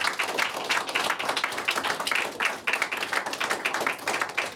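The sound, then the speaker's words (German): A show audience applauds a guest steadily, with many hands clapping in a dense, continuous patter that stays fairly even in loudness throughout, without voices standing out. “Vielen lieben Dank. Applaus.”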